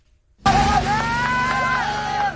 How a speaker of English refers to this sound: Cheers and cries heard as the remaining four men trapped inside a cave in Laos for more than a week are finally free. This video capturing their emotional reunion, families tearfully embracing.